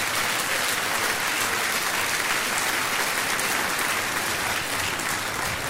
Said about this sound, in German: Merkt ihr was? Die Bube wolle klatschen und die Mädchen halten die Hand fest.